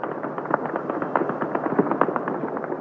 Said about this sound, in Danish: Det, der er tydeligst den sene aften, det er lyden fra de sydlige forsteder. Og det er simpelthen Hezbollah-folk, Hezbollah-tilhængere, mennesker, der bor i det sydlige Beirut, som affyrer meget, meget tunge våben.